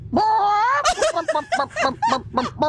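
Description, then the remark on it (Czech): A person imitates a hen with a drawn-out rising vocal note followed by a rapid series of short, clipped clucking bursts, fairly loud. “Tady máme kouta, slepicu tu umím taky.”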